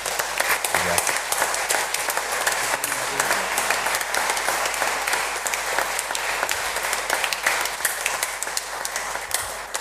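Sustained applause of gratitude to a priest from a sizeable audience, dense overlapping claps at steady loudness for about ten seconds, with faint voices underneath.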